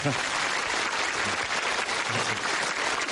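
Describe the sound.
An audience claps steadily throughout, a dense, even wash of applause that neither builds nor fades, with a faint voice briefly audible beneath it.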